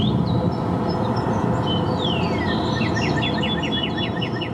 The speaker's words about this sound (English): This is just a main song. That sounds nothing like my cardinal.